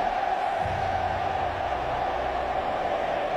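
A massed crowd at the Mercedes-Benz Stadium, packed with Argentina fans, sings as England's national anthem is played for Tuchel's England team. A dense, steady wash of many voices holds at an even, loud level throughout, with no single voice standing out.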